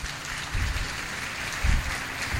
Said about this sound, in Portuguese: Recebido com aplausos o nosso Rossandro.